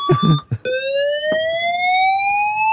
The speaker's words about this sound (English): and so we can exclusively reveal, can't we, Simon, that the fire alarms work in the new premises.